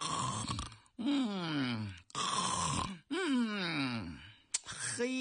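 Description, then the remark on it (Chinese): A man's voice imitates the light snoring of a young shop assistant dozing behind the counter, in four drawn-out, rhythmic rounds of groaning, nasal breaths, each swelling and trailing off, fairly loud, with short pauses between. “哎，吧台后头坐着一个人，像是一个小伙计，坐在那儿啊一点都不精神，双打的茄子都蔫了，正然打盹儿，而且一阵一阵的小呼噜。”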